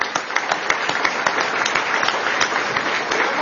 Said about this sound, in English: Please give him a round of applause for the extraordinary race that he ran.